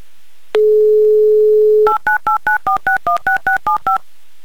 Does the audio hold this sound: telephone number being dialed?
yes